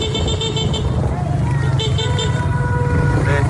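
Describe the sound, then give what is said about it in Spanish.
Steady street traffic on an avenue in La Guaira after an earthquake, recorded from inside a car, rumbles with a muffled low engine drone, and short car horn toots sound over it; indistinct voices murmur in the background. “Desde un coche graban una avenida en La Guaira, donde las torres de pisos están a punto de colapsar.”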